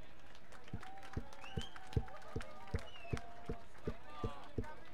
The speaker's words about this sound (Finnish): Annetaan aplodit tässä.